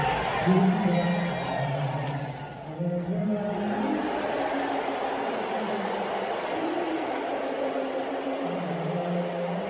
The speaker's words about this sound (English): Almost unanimous booing of Donald Trump. They don't want him there.